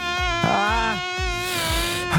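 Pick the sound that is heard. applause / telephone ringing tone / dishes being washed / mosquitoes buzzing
mosquitoes buzzing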